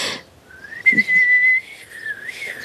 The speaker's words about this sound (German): Ich glaube, es war ein Fehler, dass ich euch das Pfeifen beigebracht habe.